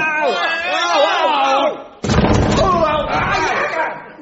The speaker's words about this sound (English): Stand back. I'll kick the trap door open. Come on!